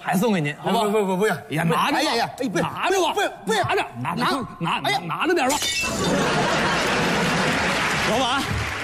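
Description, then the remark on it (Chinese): Animated voices talk over each other, then a crystal glass cup suddenly shatters with a loud crash at Hong Langman (红浪漫), its bright crunching and tinkling debris sustaining for several seconds. “老板， 啊， 收玻璃杯碎了。”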